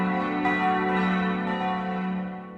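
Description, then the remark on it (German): The four bells of the Catholic church in Großzimmern ring together for the town's 750th anniversary, a sustained, rich wash of overlapping tones, steady and fairly loud with new strikes layering in, fading slightly toward the end. No voices. “3 Minuten hören wir nur alle katholischen 4 Glocken”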